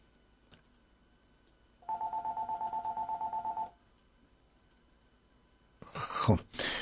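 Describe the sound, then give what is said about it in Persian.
A fast, evenly pulsed run of telephone call-in system beeps, as the host presses the line button again, lasts about two seconds at moderate volume over quiet line hiss, followed by a short burst of a voice on the line. “لطف کنین گوشی رو قطع بکنید اگر ممکنه. من یه بار دیگه این تیکر رو بزنم.”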